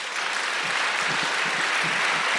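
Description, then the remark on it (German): A crowd claps steadily, a dense wash of many hands applauding at once, consistent in volume throughout, with no voices standing out; the audience claps to say the sea is their place of longing. “Und ich glaube, können mal alle klatschen, die sagen würden, das Meer ist mein Sehnsuchtsort.”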